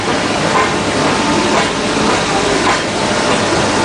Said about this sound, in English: And eventually, the little engine that could finally huffs and puffs into Metupalaya.